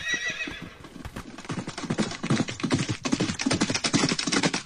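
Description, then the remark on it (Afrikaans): A horse, Dapper, whinnies briefly, then its hooves pound in a quick, steady galloping rhythm, loud, as it sets off with a rider toward town, heading to the farrier; no voices present. “"Dorp toe," sê sy, en Dapper begin galop.”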